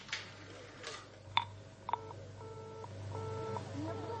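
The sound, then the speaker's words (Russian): A phone number is redialed on a touch-tone keypad: a couple of sharp clicks, then a steady series of paired electronic tones, each held briefly, over a low background hum. “Давай, набирай снова.”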